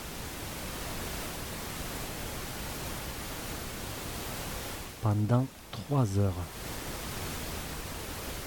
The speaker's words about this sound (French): Sous la vidéo, il y a noté « Thérapie par le son ». Ce bruit blanc permet de vous aider à vous concentrer rapidement dans votre travail, de vous aider à vous endormir en quelques minutes lors de nuits agitées et à vous relaxer totalement